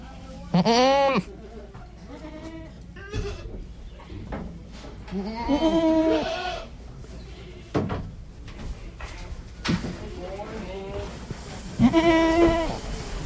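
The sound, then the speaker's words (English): Several loud, wavering goat bleats ring out one after another at a goat auction in North Carolina, over a murmur of background voices and occasional clanks of metal gates or pens. “This is A Goat Auction in North Carolina.”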